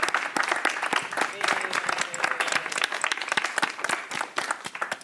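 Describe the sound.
Steady applause from an audience for a panel of speakers, many hands clapping in a dense, continuous patter at a fairly even level throughout, with a few brief voices mixed in.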